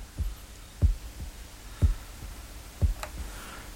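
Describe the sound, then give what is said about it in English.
A deep, muffled heartbeat sound effect at the end of a rock song thuds steadily, about one double lub-dub beat per second, four beats in all, standing alone over a faint background hiss with no voices. “You have to leave the heartbeats in.”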